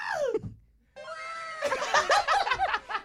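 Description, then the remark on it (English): A cat yowls and caterwauls while attacking a man, a falling wail, a brief pause, then a long drawn-out howl that breaks into agitated, wavering cries, loud and with no one talking. “This cat stomp this dude out.”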